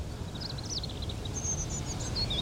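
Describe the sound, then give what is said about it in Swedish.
A female bird calls to its mate in a string of short, high chirping notes, fairly faint, over a steady low outdoor rumble. No one speaks. “Och hon kallar på maken och vill någonting.”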